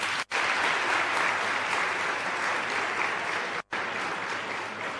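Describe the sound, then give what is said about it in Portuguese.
Sustained applause from a crowd at a session in Maputo, applauding the guests including children, fills the whole stretch, a dense steady wash of many hands clapping at once, loud and even, broken by two very brief gaps. “Então, uma salva de palmas a todos vocês.”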